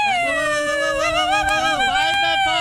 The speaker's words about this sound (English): you guys ready to blow the 5 o'clock whistle for me on your birthday?